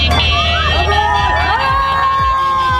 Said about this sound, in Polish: Jego trasa wiodła m.in. przez województwo łódzkie. W Bełchatowie powitały go tłumy.